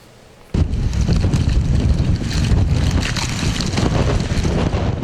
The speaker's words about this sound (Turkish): Minare beşik gibi sallandı, bayrak direği ikiye bölündü. İstanbul'un birçok ilçesinde fırtına tehlikeli anlara sahne oldu. Arnavutköy'de bulunan Berat Camii'nin minaresi rüzgarın şiddetiyle sallanmaya başladı.